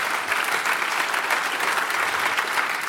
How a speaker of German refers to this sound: … hat uns mit Musik versorgt. Dankeschön, dass du bei uns bist. Dein Applaus natürlich auch nochmal.